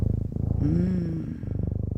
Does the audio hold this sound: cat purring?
yes